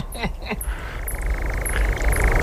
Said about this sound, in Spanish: Y aquí el ladrido de un corzo, ya lo vimos la semana pasada.